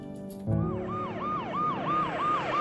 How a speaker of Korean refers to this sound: 어둠이 깔린 병원으로 요란한 사이렌 소리와 함께 도착하는 구급차 한 대.